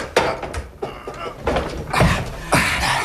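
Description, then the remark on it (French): A large door panel is pushed open with a series of heavy wooden knocks and scraping creaks, spaced irregularly over a few seconds. “Et voilà l'autre porte. C'est un grand panneau. Pousse-le.”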